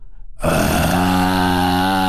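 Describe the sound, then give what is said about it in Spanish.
A person imitates a lion cub's growl: after a quiet breath, a single sustained, rough, low guttural rumble kicks in and holds steadily loud for nearly two seconds. “Como que todavía no le sale el rugido cañón, pero ya se oye súper profundo y como muy maldito.”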